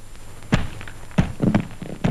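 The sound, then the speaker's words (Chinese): Several dull thumps at uneven intervals, like a head bumping into something hard in the dark, with a quieter cluster of knocks following. No voices. “哎呦，我的脑袋！”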